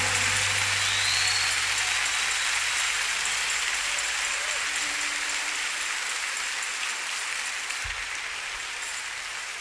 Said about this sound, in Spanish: aplauso más fuerte, hermano.